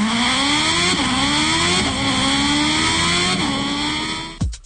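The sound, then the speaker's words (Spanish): A radio reporter's motorcycle engine, loud, accelerates steadily, its pitch climbing and dropping back with each of several gear shifts, then cuts off abruptly at the end. No one speaks. “Vamos pues a la moto con Alberto Mariscal. El reporte desde la moto.”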